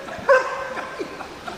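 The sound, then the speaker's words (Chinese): A police dog, Kunkun, lets out one sharp bark near the start, followed by a few softer yips and whimpers against a faint noisy background, during an obedience drill demonstration of tactical heeling with an officer. “现在坤坤是要进行什么样的表演？ 要进行一个服从科目的演练，首先是一个战术随行的动作。”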